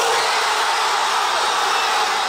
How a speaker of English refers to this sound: Similar scenes there. That was the moment that fans in Buenos Aires heard the final whistle. Joy on the streets of the Argentinian capital as they look for a fourth World Cup win.